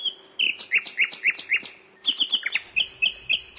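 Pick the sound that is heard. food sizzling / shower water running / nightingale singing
nightingale singing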